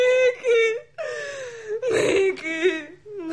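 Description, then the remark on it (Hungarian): A woman cries in wavering whimpers and wails, her voice rising and breaking in uneven sobbing bursts with a sharp, strained gasp in the middle. “Bőg csak. Néha jót tesz egy kis sírás.”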